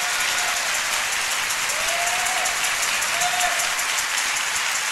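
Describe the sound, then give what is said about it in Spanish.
An audience breaks into sustained applause for the word of God during a sermon, a dense, steady wash of many hands clapping at even loudness for the full stretch, with a few faint voices rising briefly underneath. “Por favor, denle un aplauso a la palabra de Dios.”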